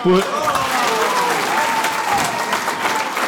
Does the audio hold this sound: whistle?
no